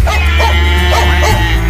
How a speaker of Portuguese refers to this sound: O cachorro latiu.